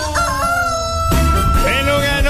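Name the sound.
rooster crowing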